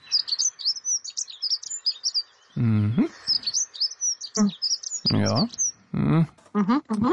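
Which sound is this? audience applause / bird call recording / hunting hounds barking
bird call recording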